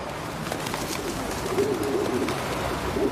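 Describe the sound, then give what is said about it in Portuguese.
Several pigeons coo softly and repeatedly, low throaty burbling calls overlapping against a steady outdoor background hum, with no one speaking. “Os pombos têm a habilidade de aprender a memorizar rostos humanos, especialmente os que lhes dão comida.”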